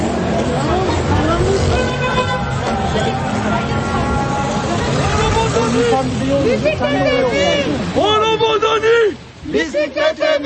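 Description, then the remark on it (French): Busy city street ambience in Istanbul: a steady low rumble of traffic under a dense hubbub of many voices talking at once, loud throughout, with a few brief dips near the end. “Alors là, on arrive dans la circulation.”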